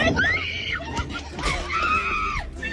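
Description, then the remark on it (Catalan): Several girls scream excitedly as exam grades are read out, high, rising and sustained shrieks overlapping one another, loud, with crowd-like commotion underneath and no clear speech. “Crits d'emocionades.”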